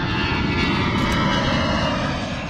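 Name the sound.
aircraft flying overhead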